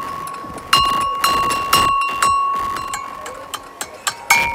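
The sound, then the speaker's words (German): Small round, pyramid-shaped garden bells with little clappers, one ringing well and the other not, struck again and again at an uneven pace, each hit a bright clang that leaves a sustained, shimmering high ring hanging between strikes. “Die eine Glocke, die klingt sehr gut, während die andere hat einen, die will nicht so recht.”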